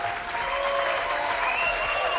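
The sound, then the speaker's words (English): An audience applauds steadily at the end of a live music track, a dense wash of many hands clapping at an even, fairly loud level throughout, with no one speaking over it. “I pretend that applause is for the program, but I know it's not.”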